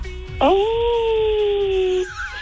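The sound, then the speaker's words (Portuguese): A person gives one loud, sustained howl, imitating a werewolf: a quick rising wail that holds a steady pitch for about a second and a half before cutting off. “Dá uma uivada pra mim, lobisomem, vai lá, deixa eu ver.”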